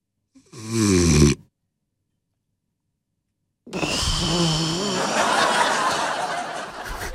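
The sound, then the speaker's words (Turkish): A voice imitates snoring: one short rasping snore, then a long stretch of silence as the breath stops, followed by a loud, sustained gasping snort. “Bir de bazı horlayanlar bir anda nefesi kesiliyor ya.”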